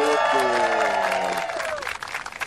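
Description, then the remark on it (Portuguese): An outdoor crowd at the Corona Luau MTV show on Praia do Preá beach in Ceará, Brazil, applauds and cheers loudly, with voices whooping over a wash of clapping that thins out after a couple of seconds. “A gente está aqui no Ceará, diretamente da Praia do Preá, com Marcelo, Falcão e Lennon, e essa plateia deliciosa.”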